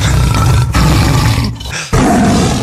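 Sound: tiger roaring and growling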